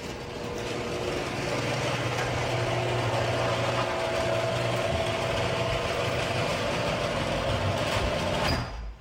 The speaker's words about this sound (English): so I'm going to play some audio of what my garage door sounded like before I got my premium nylon rollers.